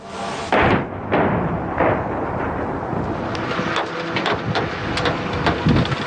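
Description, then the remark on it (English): Russian missile and drone strikes exploding over Kyiv, Ukraine, overnight: a series of heavy booms and sharp blasts at irregular intervals, about half a dozen, over a constant loud rumbling roar, with no voices. “The sound of missiles and drones striking Kyiv overnight.”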